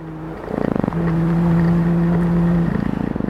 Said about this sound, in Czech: Slyšíme takové vrnění, to samečci dělají vibrací křídel.